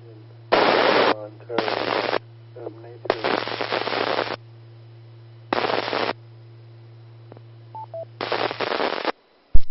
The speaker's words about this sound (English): those motorcycles sound great